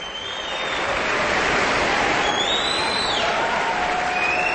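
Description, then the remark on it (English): Dense, sustained applause from a large standing audience swells in within the first half second and stays loud, with several shrill whistles gliding up and down over the clapping, after the final performance of the Aspen Music Festival season, conducted by David Robertson. “The audience jumped up onto its feet, and they're enthusiastically applauding and whistling this final performance of the Aspen Music Festival season.”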